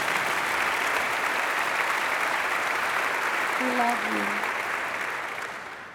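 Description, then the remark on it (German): Steady, dense applause from a concert audience before the next song fills the whole stretch, a continuous hiss of many hands clapping that fades slightly at the end, with a brief voice surfacing midway. “Der nächste Song handelt, ja, okay, klatschen, ja, unbedingt.”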